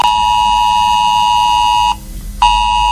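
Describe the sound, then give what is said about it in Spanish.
A loud, harsh mobile phone emergency alert tone from a drill of the S-Alert system in Quer, Guadalajara, Spain, blares steadily, a buzzing pitched sound rich in harmonics, cutting off briefly for about half a second before resuming just as loud. “Si vives en Quer, en Guadalajara o cerca, debes saber que en tu teléfono móvil sonará a media mañana esto.”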